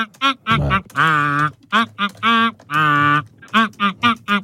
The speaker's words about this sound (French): Je rappelle que donc les canards de notre pêche au canard sont un petit peu particuliers puisque quand on les pêche, ils chantent des tubes en version canard.